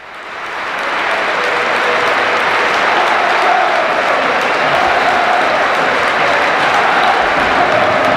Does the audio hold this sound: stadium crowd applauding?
yes